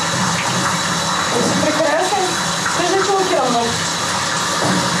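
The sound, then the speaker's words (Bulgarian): Water runs in a steady, even rush during a bath for Petlyu, a pet with red plumage, with faint voices murmuring underneath for the whole stretch. “На него му се полага, разбира се, баня, сешоар.”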